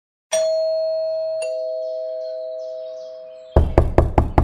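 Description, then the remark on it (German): A two-tone doorbell chime rings and fades, then five loud, quick knocks strike a door in a steady rhythm. No one speaks. “Bitte öffne die Tür. Wir wissen genau, dass du da bist.”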